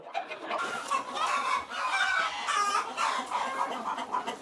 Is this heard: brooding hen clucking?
yes